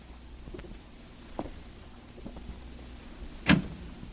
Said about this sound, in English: I went up to the door and knocked and waited.